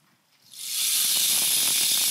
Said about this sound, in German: Und das hier ist eins der Exponate. Kennen vielleicht manche den Regenmacher? Können selber einmal dran drehen.